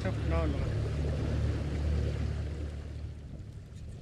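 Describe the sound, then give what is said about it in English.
A small skiff's outboard motor drones steadily with a low rumbling hum, brushy rustling and a brief faint voice early on as the boat pushes through brush. “His new skiff, bought with money made as a construction worker repairing the village, is harder to navigate in the brush than his mud boat, which was damaged during Halong.”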